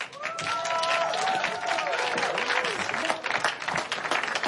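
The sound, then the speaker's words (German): A crowd at a park festival applauds steadily and loudly for several seconds after a song about adventure, dense clapping filling the space, with a few voices and cheers rising faintly through it. “Einen fetten Applaus dafür, bitte.”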